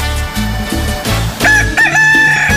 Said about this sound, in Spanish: ¡Échale, mi gallo! ¡Cántele, cántele, mi gallito! ¡Baile del gallito! Mira nada más, qué chulo canta mi gallo. Está muy contento de estar con ustedes.